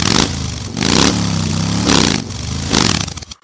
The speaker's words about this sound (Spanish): arranque inmediato de motores!